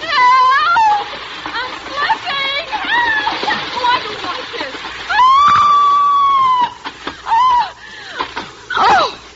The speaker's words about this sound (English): And now, scream convincingly as you slide down, darling. Bon voyage!